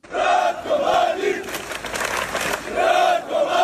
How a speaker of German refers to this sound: Donnerstagabend in der ostbosnischen Stadt Zvornik im Landesteil Republika Srpska. Hunderte Menschen ziehen durch die Straßen. Sie skandieren den Namen des verurteilten Kriegsverbrechers Ratko Mladic, tragen Flaggen mit seinem Konterfei